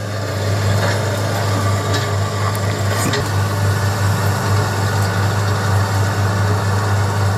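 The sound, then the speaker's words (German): A heavy diesel excavator engine idles steadily with a deep, constant rumble, with a brief clank around the middle and no voices; the excavator digs up large heaps of earth for gold mining. “Aber dieses Mal ist ein Traktor, oder? Ja, das ist ein Bagger.”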